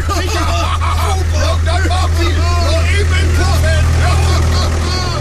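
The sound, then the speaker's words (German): A tractor engine chugs with a steady, heavy low rumble that stays loud throughout as the tractor drives off, while several voices talk and chatter over it. “Wir fahren noch eben im Trecker beim Puff vorbei.”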